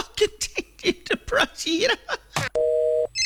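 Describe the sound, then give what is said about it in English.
A run of choppy chuckling vocal sounds gives way to a short, steady electronic telephone tone, like a busy signal or dial tone, followed by a brief high beep. “The phone's very busy today.”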